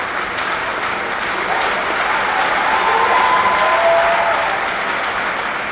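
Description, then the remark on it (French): A church audience bursts into sustained applause for the laity, a dense, steady wash of many hands clapping that swells slightly toward the middle and holds loud throughout, with a few faint voices rising above it. “Alors nous les prêtres, les religieuses, acclamons les laïcs, applaudissons pour les laïcs.”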